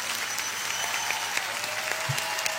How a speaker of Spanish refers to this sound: Aplauso, señor.